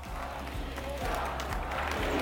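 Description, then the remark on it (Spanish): A large audience applauds steadily, a dense wash of clapping mixed with some cheering that holds at an even, fairly loud level throughout, with no one speaking over it. “así que un fuerte aplauso para María, que está viéndonos desde arriba”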